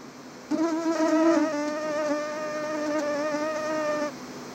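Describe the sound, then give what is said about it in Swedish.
A steady mosquito whine drones for about three and a half seconds, a thin high-pitched buzz that wavers slightly in pitch before cutting off, with no voices. “Ja, många upplever just nu att det är ovanligt mycket mygg för att vara höst.”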